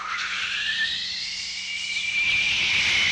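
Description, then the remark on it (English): A steady, loud jet engine roar fills the whole stretch, a broad rushing hiss topped by a high whining tone that slowly climbs, with no voices present. “And so the jet engine came along with a.”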